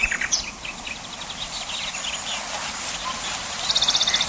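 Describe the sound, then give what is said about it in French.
A nightingale sings outdoors: scattered bright chirps and warbles, then a fast, rhythmic run of repeated notes near the end, set against a steady hiss of background ambience. “Le rossignol est universellement réputé pour la perfection de son chant.”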